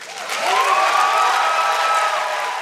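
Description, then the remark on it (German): A crowd cheers and applauds loudly and steadily for Czech writer Radka Denemarkova's speech at a ceremonial opening, a dense wash of clapping with whoops and voices rising over it, sustained without pause and with no speech. “Also großer Jubel für die Rede der tschechischen Schriftstellerin”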